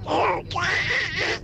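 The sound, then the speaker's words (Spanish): A Radio Euskadi listener imitates Donald Duck in a message to the show. The raspy, squawking cartoon-duck voice is a garbled quacking babble in two or three bursts with no clear words. “Imitando al pato Donald.”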